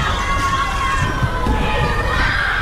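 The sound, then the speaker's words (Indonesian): A crowd of children shouting and calling out together, a steady, lively wash of high voices with no single clear word, loud and continuous throughout. “Hari pertama, suara burung, suara sungai, dan suara anak-anak.”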